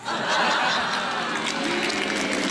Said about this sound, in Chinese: 就这您还鼓掌呢？这跟我都没关系。